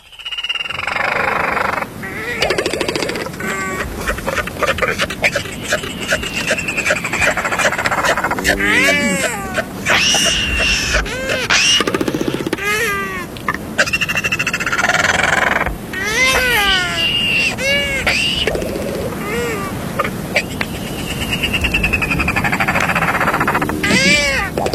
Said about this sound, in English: Royal Albatross, Toro.